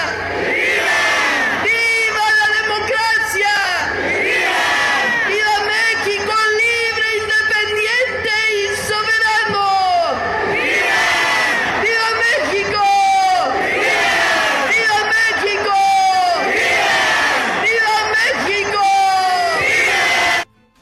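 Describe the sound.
A massive crowd of about 300,000 people in Mexico's capital roars "¡Viva!" in repeated, rhythmic bursts answering shouted calls, thousands of voices swelling together in loud, sustained cheers that rise and fall in waves for the full length.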